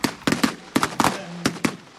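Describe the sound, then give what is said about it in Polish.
A rapid series of sharp explosive bangs, roughly eight blasts in two seconds, loud with brief echoing decay between them: pyrotechnic effects at a reenactment of the August 1920 Battle of Warsaw in Ossów, Poland. “Publiczności, która oglądała widowisko w Ossowie, szczególnie podobały się efekty pirotechniczne.”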